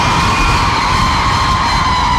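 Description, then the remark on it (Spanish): The women in the audience of a CDJ Jóvenes youth gathering yell together when called on, one loud, sustained group shout filling the whole moment with dense, high-pitched voices and no pause. “A ver, un grito a las mujeres.”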